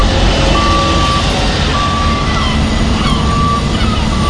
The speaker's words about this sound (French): Ici, un balai incessant de camions. Ils transportent de gros conteneurs maritimes qu'ils chargent ou déchargent sur les quais.